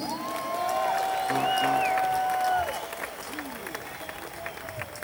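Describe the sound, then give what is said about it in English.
A large concert crowd at Jones Beach applauds and cheers, a dense wash of clapping with whistles and shouts, loudest in the first half before easing into steadier, softer applause. “I'd like to introduce our audience tonight. This is a Jones Beach crowd.”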